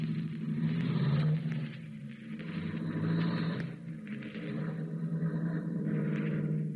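A car engine hums and rumbles steadily, a low droning tone that rises slightly as the vehicle pulls away and keeps driving, with no voices.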